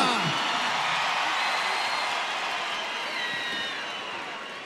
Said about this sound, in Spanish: El aplauso de todos ustedes para recibir a el Pastor Rocha.